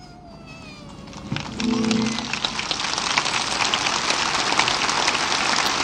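An audience breaks into applause as the Pope finishes his homily, after a faint, fading tone, and the dense, steady clapping swells quickly and holds at a strong, even level to the end.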